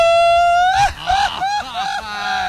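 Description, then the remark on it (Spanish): A man screams loudly: a long, steady high-pitched cry that then breaks into several shorter, wavering yelps before trailing off. “Ay, sí, grito de hombre, grito de hombre.”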